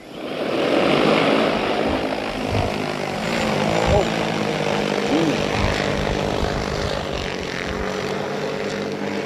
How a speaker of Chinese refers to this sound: 那现在正在喂，那我们来看一下现在是怎么喂的啊？我们也比较好奇，因为用无人机喂食我们还是比较少见啊。